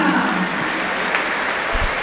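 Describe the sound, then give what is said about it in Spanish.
Scattered, subdued clapping from a stadium crowd for footballer Fausto Vera, number 15, as the lineup is read out. A steady wash of many hands at modest volume with no cheering or voices rising above it. “Tímidos aplausos para Vera.”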